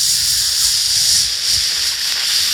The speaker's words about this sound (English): It's like a hibachi grill back at Benihana. Full sizzle.